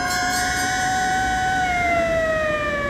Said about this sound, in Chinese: 忽然一队警车由远而近，呼啸着驶过街头。